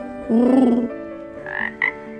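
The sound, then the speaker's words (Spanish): A small frog croaks in a few short bursts: a strong low-pitched call, then two brief higher chirping notes, with no voices over it. “Ay, las ranitas. Es una ranita, sí.”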